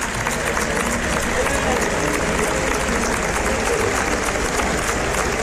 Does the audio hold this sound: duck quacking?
no